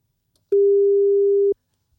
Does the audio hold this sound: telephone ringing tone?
yes